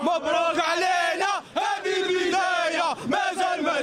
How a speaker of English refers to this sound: Listen to the crowd. It's as if Morocco has won the World Cup.